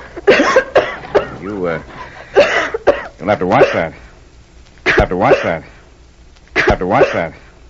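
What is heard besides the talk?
woman coughing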